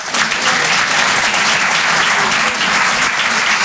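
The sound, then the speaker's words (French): A comedy show crowd claps steadily to show whether they find a joke funny, a dense, even burst of applause that holds at full loudness for a few seconds, with no voices rising above it. “Par applaudissement, qui trouve ça marrant?”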